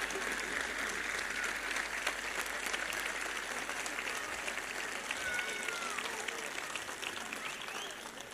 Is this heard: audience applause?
yes